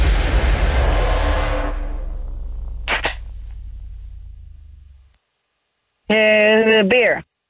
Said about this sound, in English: Alrighty, can you hear it? Beer or soft drink based on the sound of the can opening.